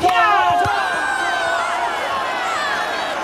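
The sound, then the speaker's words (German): A large crowd of spectators and players roars and cheers in a sustained wash of voices, with high shouts and whistles rising above a steady, loud babble, celebrating a match-winning goal scored from a free kick in a football match. “Alle Spieler und Spielerinnen jubeln und die Zuschauer sind begeistert.”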